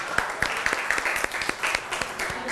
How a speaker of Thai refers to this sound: ปรบมือให้เพื่อนก่อน